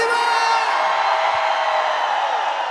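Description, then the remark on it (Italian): A big festival crowd in Malta roars with sustained shouting and whooping, a dense wall of cheering voices that stays loud and steady throughout. “Un urlo per gli amici di 105 Summer”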